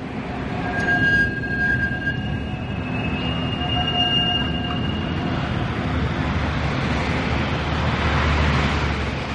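At night, trams rumble along the rails, their bells ringing with high, squealing tones over a steady low hum of city life heard from afar. The bright tones fade midway and the rumble continues. No one speaks.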